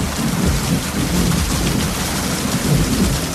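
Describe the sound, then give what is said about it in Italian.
Steady, heavy rain pours down in a continuous dense hiss with a deep rumbling undertone, holding an even loudness throughout with no voices. “Fammelo dire prima che la pioggia finisca e noi torniamo indietro.”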